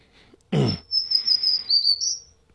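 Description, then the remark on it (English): A black-throated green warbler sings a thin, high, buzzy phrase lasting about two seconds and rising slightly at the end, just after a short dull thump, with no voices present. “So now I know that that's going to be a black-throated green warbler when I hear that sound.”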